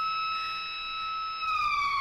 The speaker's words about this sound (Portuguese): Olha, aquela buzina vai entrar aí mais não, né? Aquela buzina, aquela sirene aí não, né?